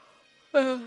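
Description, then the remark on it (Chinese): A voiced yawn bursts in partway through, a brief drawn-out vocal exhale with falling pitch that fades after about half a second, following a quiet stretch. “我想跟你们解释为什么怎么老是打哈欠”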